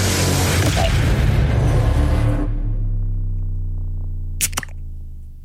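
A beer can cracks open near the end with a sharp snap and a quick fizz, following a stretch of loud, rumbling noise that fades into a steady low hum.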